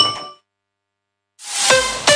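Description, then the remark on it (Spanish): A bright glassy clink fades out, then after a short silence a loud crash of glass bottles tumbling into a green glass recycling container, with sharp ringing impacts and a second jolt near the end. “Cada día escuchamos este sonido 9 millones de veces. Sigue llevando el vidrio al contenedor verde.”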